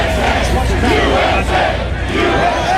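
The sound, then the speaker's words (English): A large outdoor crowd on the National Mall in Washington, D.C., at an event for the nation's 250th birthday, chants and shouts together while being told to evacuate due to approaching storms, a loud, dense roar of many voices with rising collective cries, sustained throughout with no single voice standing out. “Crowds chanting even as they're told to evacuate due to approaching storms.”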